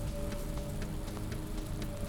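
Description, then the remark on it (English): Steady rain from a rain shower patters on hard surfaces, with scattered heavier drops tapping through a constant wash of noise and a faint low hum underneath; no voices. “We'll get back to watching the end of this rain shower and leave you with the sounds.”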